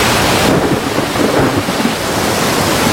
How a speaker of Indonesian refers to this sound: Hei, ada apa ini? Mengapa tiba-tiba ada badai? Air sudah masuk perahu.